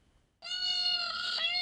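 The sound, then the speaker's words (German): A single loud peacock lure call played from a phone while searching for four peacocks in Bochum-Günnigfeld: a sustained, nasal, wailing cry that holds a steady high pitch for over a second, with a slight break near the end, and no talking. “Lockruf per Handy.”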